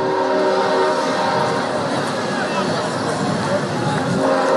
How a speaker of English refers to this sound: As the train makes its way down the tracks behind center and right for the third time tonight.